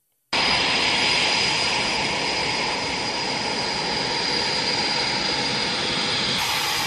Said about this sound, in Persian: همزمان 2 F-16 نیروی هوایی ترکیه از پایگاه آماری در استونی به هوا بلند شدند.